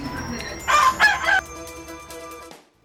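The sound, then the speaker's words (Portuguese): A rooster crows loudly, one drawn-out cock-a-doodle-doo with a strained, rising middle that trails off into quiet. “Esse Galo é aquele no dia que você quer dormir, quer fazer alguma coisa, ele não deixa não.”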